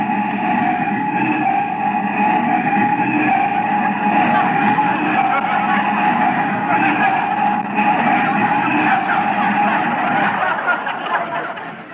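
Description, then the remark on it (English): A car brakes hard and stops in front of a house, with a long, loud screech of skidding tires that holds steady for the whole stretch before finally easing off. “Put on the brakes.”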